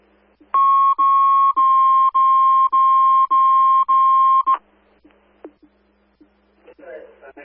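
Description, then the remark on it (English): Fire dispatch alert tones placed over the radio for station coverage: seven loud, evenly spaced electronic beeps at one steady mid-high pitch, each about half a second, then quiet with a few faint clicks and a short burst of radio static. “On fire, placing the tones for station coverage.”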